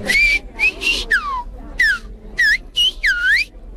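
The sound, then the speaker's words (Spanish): A loud whistled-speech phrase meaning "welcome, your holiness", whistled as a greeting for the Pope: about seven short, piercing whistles that swoop up and down in pitch, separated by brief gaps, with no talking alongside. “¿Le va a silbar algo al Papa a usted?”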